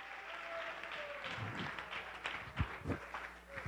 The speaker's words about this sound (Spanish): Dele ofrenda de palmas al que vive, pues.